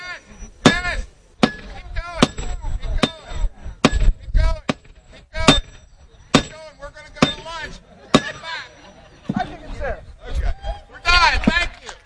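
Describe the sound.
Repeated sharp clanks of a hammer driving a metal spike into a railroad tie, about a dozen loud, close blows at an uneven pace, with people talking in the background.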